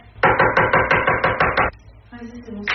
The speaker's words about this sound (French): Du maquillage, une console de jeu, un ordinateur, un téléphone, tout y passe. Les objets sont jetés par terre ou même explosés avec un marteau.